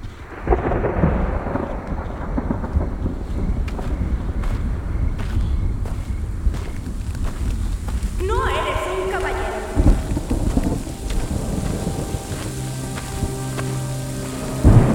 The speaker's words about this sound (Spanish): Comienza a llover.